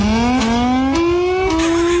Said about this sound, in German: Ich habe gerade mal ein bisschen recherchiert, in den USA zum Beispiel, da klingt die Sirene wie so ein Starterfeld von Formel-1-Rennen.